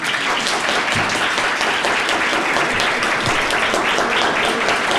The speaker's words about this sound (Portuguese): Eu mereço aplauso.